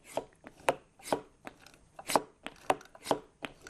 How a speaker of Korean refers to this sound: 여기에 뚜껑을 이렇게 닫고 이 안에서 공기를 빼볼게요. 선생님이 펌프질을 할 때마다 이 비닐의 부피가 어떻게 변하는지 한번 보세요.